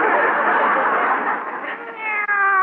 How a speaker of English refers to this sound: Hey, what you got there? Well, it's a kitty cat. Oh. Isn't he cute?